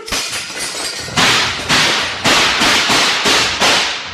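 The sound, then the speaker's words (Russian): A lantern is smashed with a short blow, a burst of crashing, shattering noise, then a rapid volley of sharp, loud gunshots in a dark prison, about seven cracks in close succession, each with a short ringing decay. Nobody speaks. “Денисов коротким ударом разбивает фонарь, толкает Валю за тюки. Вспышки выстрелов прорезали тюремный мрак”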